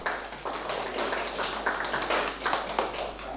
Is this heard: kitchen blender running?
no